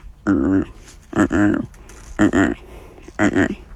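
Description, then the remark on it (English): A person imitates the call of Ricky, the great white pelican who played Rufus in Dolphin Tale: four short, nasal, harmonic honks in an even rhythm, fairly loud, with brief pauses between them. “So I'm gonna go ahead and do his call.”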